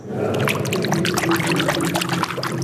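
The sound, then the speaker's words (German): A hand stirs clear, cool water nearly four meters deep to give it movement so it can be seen, with steady splashing and trickling that continues without pause for a few seconds, fairly loud, and no voices. “Ja, deshalb müsste man ein klein wenig dran greifen, dass es etwas Bewegung hat.”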